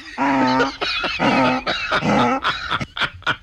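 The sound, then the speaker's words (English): A person imitates a donkey or mule bray with three long, strained, harmonic hee-haw cries followed by several shorter, rising, breathy gasps, loud and alone without other talk. “Just do the donkey noise.”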